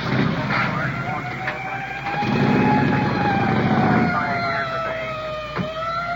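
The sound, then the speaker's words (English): A police car siren wails in a long, slowly sliding tone over steady street rumble, with a heavier engine roar swelling in the middle as a district uniformed police car comes in. “District uniform car coming in.”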